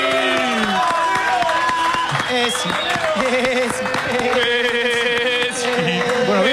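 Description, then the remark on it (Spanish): A large stadium crowd roars during the announcement of Argentina's players, including Thiago Almada, Lautaro Martínez and Lionel Andrés Messi, with sustained loud cheering, overlapping voices and scattered claps blending into a dense, unbroken wall of sound for several seconds. “Todo el aplausómetro bien o no.”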